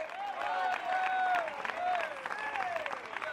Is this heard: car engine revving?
no